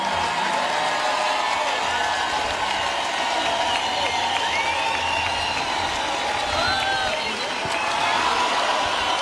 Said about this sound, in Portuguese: Este momento aqui, em que a onda de aplausos sobe, é o momento em que